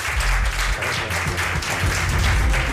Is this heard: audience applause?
yes